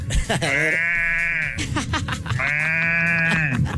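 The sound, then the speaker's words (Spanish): A person imitates a cow mooing with two long, sustained nasal calls separated by a short breath. Loud, the calls waver a little and lean toward a bleat. “Esto es una cosa inútil que sé hacer y me queda, creo que bien, imitar una vaca.”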